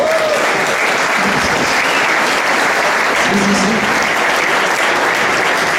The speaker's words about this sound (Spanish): Es importante, podéis aplaudir si queréis.